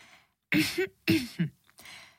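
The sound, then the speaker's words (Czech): A person clears their throat, two or three rough, gravelly bursts separated by brief pauses, loud and without any talking. “A vy si odkašlete a začnete vyprávět.”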